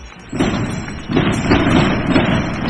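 A salvo of firework rockets booms in rapid succession during the Corpus Christi procession in Granada, Spain, heavy thuds merging into a continuous, loud rumbling roar with two strong bursts near the start, heard across the Granada metropolitan area.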